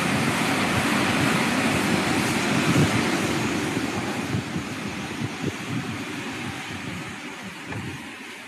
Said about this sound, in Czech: Pro vaši představu, takhle prší v Novosibirsku.